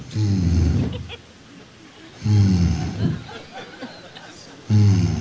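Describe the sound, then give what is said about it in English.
A man's voice imitates the engine of a plane flying at night at about 36,000 feet, with low, rumbling, growly bursts, three of them in an uneven sputtering rhythm, each about a second long with quieter gaps between. “And all of a sudden, I heard the engine start going.”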